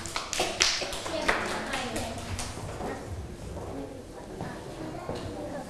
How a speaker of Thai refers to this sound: ปรบมือให้เพื่อนอีกหนึ่งครั้งค่ะ